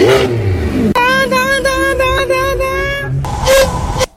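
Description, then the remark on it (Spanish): A Lamborghini Revuelto sports car engine revs hard, its high, buzzing harmonic whine held steady for a few seconds before a final sharp burst of revs cuts off. “Esto supuestamente es un Lamborghini revuelto.”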